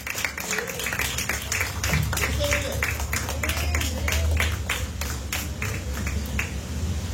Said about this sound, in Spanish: Denle una ofrenda de palmas a nuestro Dios. Aleluya.